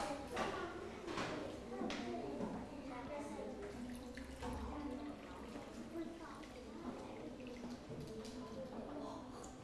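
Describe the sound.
Water pours steadily from a jug into a glass as a child measures out water glass by glass, a continuous splashing gurgle lasting several seconds, with faint voices murmuring in the background.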